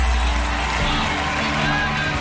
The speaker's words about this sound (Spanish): Se escucharon cuando el cantante empezó a interpretar su tema entre silbidos y abucheos.